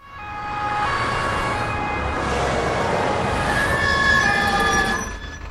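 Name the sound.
ambulance siren approaching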